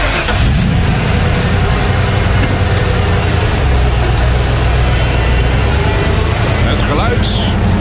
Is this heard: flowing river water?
no